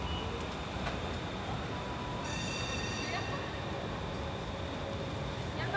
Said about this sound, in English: What, right now? That's what I'm hearing. A lot of noise is the train. Beeping noise.